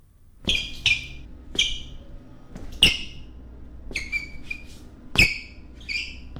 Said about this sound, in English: How do I get my shoes to stop squeaking in the office hall? It's annoying my co-workers.